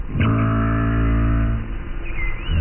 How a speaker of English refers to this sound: Yes, minke whales sound like plucked strings.